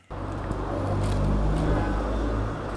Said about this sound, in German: Es ist einiges los auf der Frankfurter Straße. Autos rauschen an Supermärkten, Handyläden und Imbissbuden vorbei.